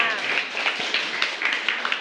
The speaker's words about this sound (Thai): ค่ะขอเสียงปรบมือให้กับผลิตภัณฑ์สเกลล่าด้วยค่ะ